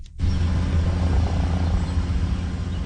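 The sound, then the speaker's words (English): An OPP police helicopter circles above the Binbrook Conservation Area in Hamilton in scorching heat during a search for a missing 7-year-old boy, its deep, rumbling rotor and engine noise holding constant throughout, with no voices. “In the scorching heat, an OPP helicopter circles above the Binbrook Conservation Area in Hamilton, while officers on the ground search for 7-year-old Nathaniel Salambi.”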